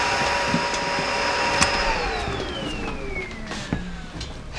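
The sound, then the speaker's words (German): A vacuum cleaner drones loudly with a steady whine, then its motor pitch slides downward as it winds down partway through, with faint knocks in the background. “Staubsaugen kannst du später.”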